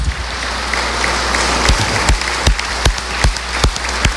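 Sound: applause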